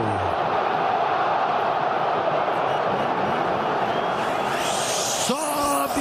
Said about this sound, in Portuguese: A torcida se inflama. Ouça só como fica o estádio.